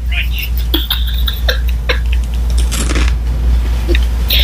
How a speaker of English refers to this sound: the dried blood clots that I'm eating. Yeah! I don't think you want to be eating one of those if they sound that crunchy.